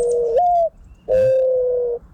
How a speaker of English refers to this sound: They don't go dun dun dun dun dun dun. This is what it sounds like when doves cry. See? Nothing like what he suggested.